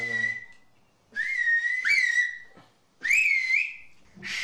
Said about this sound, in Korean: 학교에서는 휘파람 언어를 정식으로 가르치고 있지 않아